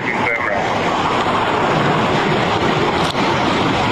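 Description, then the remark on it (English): Loud, steady roar of rushing floodwater in a flooded creek pours on without a break as a patrol officer wades in to rescue a baby from a stranded vehicle, with wind buffeting and indistinct voices faintly underneath. “He instantly waded into the flooded creek to rescue that child.”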